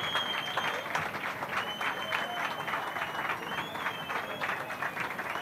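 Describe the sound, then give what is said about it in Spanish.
A crowd applauds and cheers in a steady, dense ovation, clapping continuously throughout with a few whistles rising above the noise, at a prize-giving where Grupo Pejino is awarded sixth prize at the Batalla de Flores. “Una gran ovación para ellos, por favor, enhorabuena por vuestro trabajo.”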